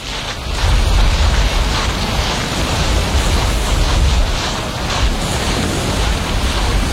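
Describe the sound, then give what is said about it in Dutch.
Steady waves of the incoming tide wash onto a beach, a continuous broad rush of surf mixed with wind noise, fairly loud and unbroken throughout, with no voices. “Omdat het vloed wordt. Het water stroomt langzaam deze kant op.”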